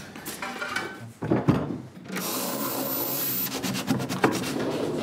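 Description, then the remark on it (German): A wooden drawer in an escape-room puzzle cabinet scrapes and rattles open, with a few knocks and a sustained sliding rub; no one speaks. “Und wenn ich dann nachher alle Fähnchen richtig gesetzt habe, öffnet sich wieder eine Schublade und einen Schlüssel erhalte ich.”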